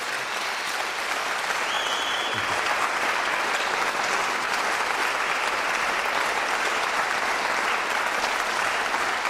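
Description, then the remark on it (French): Sustained audience applause after a recital at the salle de musique in La Chaux-de-Fonds, a dense, even wash of many hands clapping at steady loudness throughout, with no voices standing out. “je crois qu'on peut encore une fois l'applaudir pour ce magnifique récital.”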